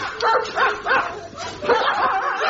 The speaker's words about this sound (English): Your dogs have got very loud voices, sir. Oh, yes, on a clear day, they carry for miles.